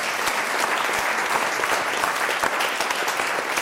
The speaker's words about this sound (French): Bravo, madame! Ah, bravo, on l'applaudit, oui. On applaudit, madame. Bravo!